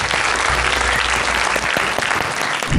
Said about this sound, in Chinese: 所以今天呢，在我们的节目当中，我们请来了一位专门治疗糖尿病的这个专家，他的名字叫赵文胜赵主任，咱们掌声欢迎赵主任上场。